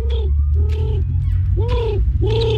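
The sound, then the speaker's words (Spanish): A child's voice imitates a pigeon's cooing with four rounded, rising-and-falling coos in a steady rhythm, fairly loud over a constant low background rumble. “esta es mi paloma.”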